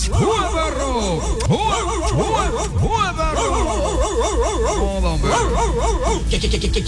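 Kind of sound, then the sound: animal, dogs barking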